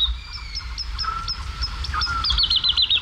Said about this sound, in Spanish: hacia las 5, 5 y pico de la mañana, una noche de luna llena, en el cielo, colgada en el aire, hay cantando una totobía, la alondra de bosque. Y al fondo, los sonidos de los búhos chicos, de los cárabos, de los chotacabras, las aves nocturnas.